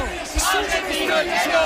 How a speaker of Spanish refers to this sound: Y esto lo escucháis, compañeros, ¿no? Gritos de argentino, el que no vote,